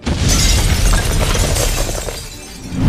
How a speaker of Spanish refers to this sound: Se cree que uno de los clientes dejó un cargador dentro de una secadora y con el calor se ocasionó la explosión.